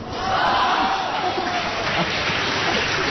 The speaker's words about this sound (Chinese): 别鼓掌了。